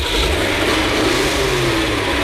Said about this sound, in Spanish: Oye, hablando de prender el carro, mi carro no quería prenderlo. A ver, no quiero. Oye, ¿qué está pasando, papi? Ahora sí.